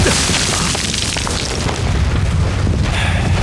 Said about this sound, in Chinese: 炮击了这么久了，鬼子的家当就是大呀，这么多钢铁砸在这个小地方，他也不心疼。